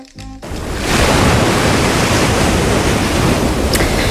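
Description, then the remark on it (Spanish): Sea waves breaking on the shore at Barbate, Cádiz, Spain, make a loud, steady rushing roar that swells in within the first second and continues, with no voices, after a brief tonal fragment at the start. “La primera historia de la banda del patio nos lleva esta tarde a Barbate, a Cádiz, frente al mar.”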